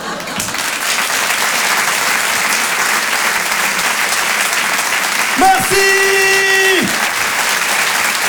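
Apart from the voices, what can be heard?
audience applause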